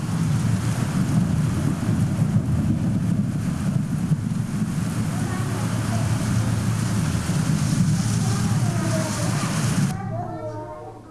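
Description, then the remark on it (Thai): Steady, dense rain pours down for about ten seconds with a deep, rumbling roll of thunder underneath, loud and continuous before cutting off abruptly near the end. “เสียงอะไรคะ ฝนตก เด็กๆบอกว่าได้ยินเสียงฝนตกแล้วนอกจากเสียงฝนตกเสียงอะไรคะ ฟ้าร้อง เสียงฟ้าร้องถูกต้องเลยค่ะเด็กๆบอกว่าได้ยินเสียงฟ้าร้อง”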